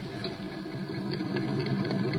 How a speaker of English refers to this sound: Our mechanics have checked it all over, and all in all, it's in good condition. A sweet running automobile. I'll start up the motor for you.